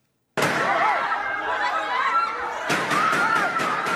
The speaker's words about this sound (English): Now, a Philippines politician wanted by the International Criminal Court is safe after gunshots were fired in the Senate, where he's been holed up since Monday.